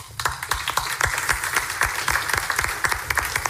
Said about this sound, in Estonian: Ja suur aitäh, suur aplaus